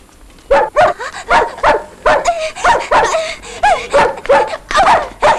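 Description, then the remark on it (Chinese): A dog in a courtyard barks loudly in a rapid, steady string of about a dozen sharp barks, some rising into yelping, whiny tones, with no one talking. “院里有狗。”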